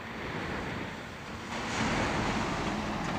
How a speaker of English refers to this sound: Then it's off to the test track. The driver steers the truck through sudden water jets. The truck's performance is tested again and again.